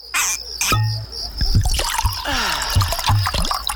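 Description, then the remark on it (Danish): Water of an underground stream trickles and drips steadily in the caves of the Mønsted Kalkgruber lime mines, with bright splashing droplets and low gurgles echoing, continuous with no voices. “Gå på opdagelse i 4 km underjordiske gang med grotter så store som domkirker og rislende vandløb og underjordiske søer.”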